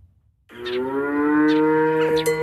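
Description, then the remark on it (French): A dairy cow lets out a long, loud moo, a sustained low bellow that starts abruptly after a brief quiet moment, with faint farmyard noises in the background, on a family farm with 50 dairy cows at Saint-Just-de-Clay in Isère, France. “En arrivant à la ferme de Manne, à Saint-Just-de-Clay, une frêle silhouette se cache au beau milieu des 50 vaches laitières de l'exploitation familiale.”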